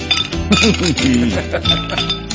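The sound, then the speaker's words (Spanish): A voice mimics uncorking a barrel with a quick run of gliding, bubbly mouth sounds and pops, fairly loud, over a faint clink of glassware. “Sonido onomatopélico destapando una barrica.”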